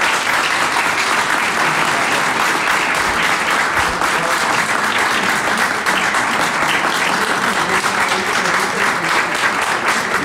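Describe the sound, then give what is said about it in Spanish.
Steady, dense applause from an audience welcoming the Campodónico ensemble at a tribute to a Hermosillo composer, many hands clapping at once in a continuous loud wash of noise that holds evenly for about ten seconds with no voices standing out. “Pues les doy la bienvenida al ensamble Campodónico, para quienes pido un aplauso.”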